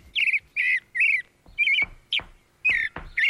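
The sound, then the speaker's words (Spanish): A thrush (zorzal, not the zorzal criollo) sings a run of short, bright, warbling phrases, about seven in quick succession with brief pauses between them, clear with no voices present. “Acá lo estamos escuchando. El zorzal.”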